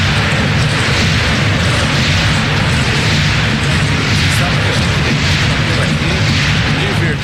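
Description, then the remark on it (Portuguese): A loud, continuous roar from a large, agitated crowd of football fans at the Palmeiras ground, Nubank Park, during a match, dense and unbroken, with rumbling low-end swells. “A torcida está agitada aqui no campo do Palmeiras, no Nubank Park.”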